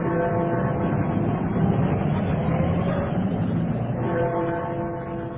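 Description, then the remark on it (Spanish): A steady, dense rumble of city street traffic near Piccadilly, with car engines droning together at a constant loud level throughout, no voices heard. “El Hotel Piccadilly, situado a escasos metros de la Plaza Piccadilly, lugar famoso por sus teatros y cines, donde los motores de autos llenan de extraño concierto bajo el ritmo que marcan los policías de tránsito.”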